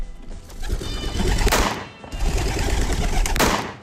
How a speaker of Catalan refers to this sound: L'àrbitre deixa anar els dos coloms. L'Anny i en Frank disparen.